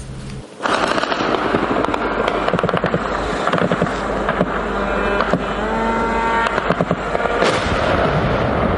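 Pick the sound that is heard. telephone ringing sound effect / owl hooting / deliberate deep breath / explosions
explosions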